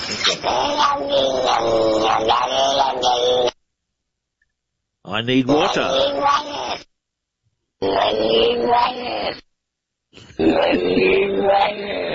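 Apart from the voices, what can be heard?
cat vocalization played backwards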